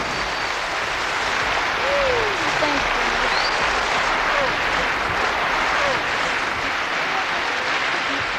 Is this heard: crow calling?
no